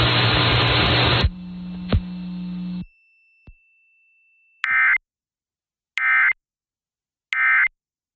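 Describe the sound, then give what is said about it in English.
Three short, loud electronic alert tones concluding a tsunami warning communications test sound alone at a steady, evenly spaced rhythm, after a stretch of hissing static and low hum. “The following tones will conclude this test.”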